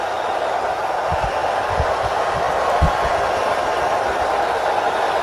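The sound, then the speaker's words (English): A hockey arena crowd of fans in Montreal chants and roars, cheering on Claude Lemieux, in a dense, steady wall of voices, with scattered low thumps pulsing underneath throughout. “This chant from the fans in Montreal cheering on Claude Lemieux, who was a playoff performer like none other.”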